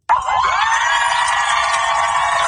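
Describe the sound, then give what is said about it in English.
A large crowd of family members and loved ones cheers and shouts continuously as the aircraft carrier USS Abraham Lincoln pulls into port in San Diego, a dense wash of voices with whoops and high yells rising above it, loud and sustained from a sudden start. “A large crowd of cheering family members and loved ones greeted the aircraft carrier as it pulled into port today, including this woman who said her son had yet to meet his daughter.”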